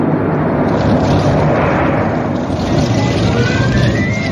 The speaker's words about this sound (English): Out there in the ocean, beyond the sight of land, Little Toot spent a frightful night, tossed about by the big waves, while the life buoys and sounds in the night made eerie noises. And then a storm came up.